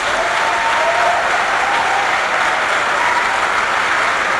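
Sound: audience applauding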